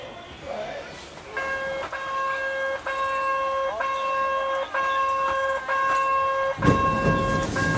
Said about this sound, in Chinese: 我们到达时，一列满载市民和游客的森林小火车即将发车。 这个火车特别复古啊，就是像那个以前的那种刚刚有火车时候这种小车厢，咱们也上去看看。